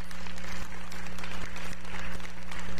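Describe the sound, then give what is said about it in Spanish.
A crowd at a Familia Betel gathering applauds for five people called to the front, a dense, continuous wash of many hands clapping at a fairly loud level, with a low steady hum underneath and no clear talking over it. “Fuerte el aplauso por la vida de ellos.”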